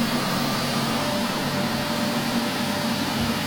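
A vacuum cleaner, played as an ASMR recording meant to help people sleep, runs continuously at a steady, even level, a dense whooshing roar with a low motor hum underneath and no voices over it.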